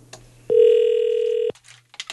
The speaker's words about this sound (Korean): 신호가 갑니다. 언니는 지금 아무것도 모른다는데. 받았으면 좋겠는데. 자, 신호는 갑니다.